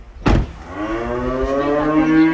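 A cow on a farm moos loudly in one long, drawn-out low call with a rich harmonic tone, preceded by a brief thump, with faint farmyard background noise.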